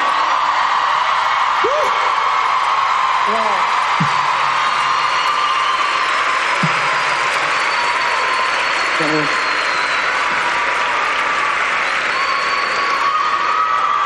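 A crowd applauds loudly and steadily for the whole stretch, a dense wash of clapping with scattered whoops and shouted cheers rising above it.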